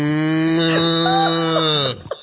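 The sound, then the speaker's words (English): A person imitates a cow's low call with one drawn-out, nasal lowing sound lasting about two seconds. It's loud, with no other talk, then cuts off abruptly. “Cows don't go moo. Cows just go.”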